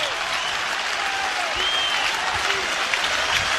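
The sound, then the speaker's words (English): A baseball crowd cheers and claps steadily as Caleb Clark pitches to Ole Miss hitter Owen Pano with bases loaded, two outs and two strikes in the top of the seventh, a dense, broad roar of applause with scattered whistles and shouts rising above it, holding at a fairly loud, even level throughout. “Crowd re-engaged.”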